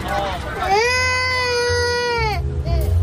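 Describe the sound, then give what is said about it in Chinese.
A baby wails in one long, high, sustained cry with bright harmonics, starting after a brief whimper and trailing off into a short sob, loud over a low background murmur. “哦，不哭不哭啊！”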